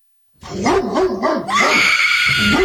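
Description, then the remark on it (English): A pit bull barks loudly in a quick run of high, yappy barks that slide up and down in pitch, then breaks into a sustained, strained whining yelp. No one speaks. “Is it a pit bull or a shih tzu?”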